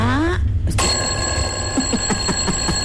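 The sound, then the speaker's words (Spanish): A loud alarm clock rings continuously with a steady, shrill electronic tone and a rapid pulsing beat, starting just after a brief voice and a short pause. “Hasta el despertador voy a ponerlo aquí para que usted me escuche en este momento.”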